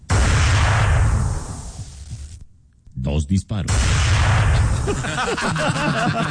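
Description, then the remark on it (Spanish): Two sharp rifle shots ring out close together just after a brief lull, set against a dense, noisy background with voices talking before and after. “Y después de un corto periodo de tiempo, se escuchan 2 disparos.”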